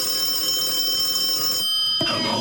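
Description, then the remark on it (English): A telephone rings with a continuous bright, metallic trill, loud, cutting off abruptly near the end as a brief clatter follows. No one speaks. “Answer the phone.”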